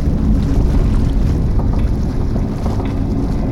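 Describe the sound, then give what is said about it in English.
The aircraft carrier USS Block Island going down in rough, oil-covered seas on May 29th, 1944: a steady, loud roar of churning water and buffeting wind fills the whole stretch, deep and rumbling, with no voices. “There it goes. Sinking. So fast. The ship is sunk.”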